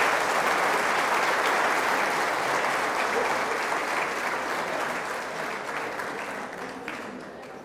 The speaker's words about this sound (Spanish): A ver, todos los demás, démosles un aplauso porque esto ha sido maravilloso.